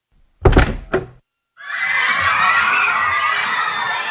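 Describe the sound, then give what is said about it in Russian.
Late at night, someone knocks loudly and insistently on a locked street door of a house: two heavy knocks in quick succession, followed after a brief pause by a sustained wash of excited, overlapping voices and crowd chatter. “Поздней ночью, когда все уже ложились спать, в закрытую уличную дверь кто-то громко и настойчиво постучал.”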